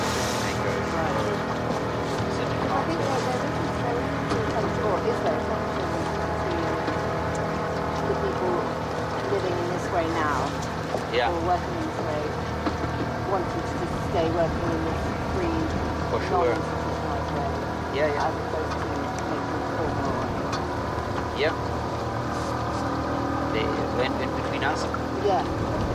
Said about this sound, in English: There's a boat coming here.